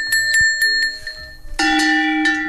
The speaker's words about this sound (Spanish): tenemos unos cencerritos que son reproducciones de los cencerros que llevaría normalmente el ganado